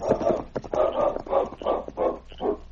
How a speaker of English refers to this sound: For a few minutes, the great dog King sniffed and whined at his master's side as Preston lay still on the trail.